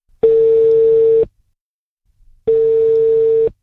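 Ringback tone of an outgoing phone call placed by the RMF Classic radio station to reach a contest winner: two steady, mid-pitched buzzing beeps about a second long, separated by a longer silence, loud and with no talking over them.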